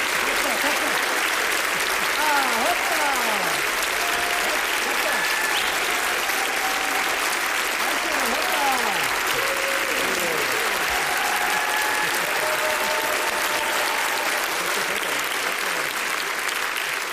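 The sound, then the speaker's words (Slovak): Sustained audience applause for a band and another band after their joint concert at Slovak Radio during the Ozveny festival, 4 October 2025, a dense wash of clapping holding steady and loud for the whole stretch, with faint whistles and cheers rising through it. “Počujete potlesk, ktorý patrí zo skupeniam … a ….”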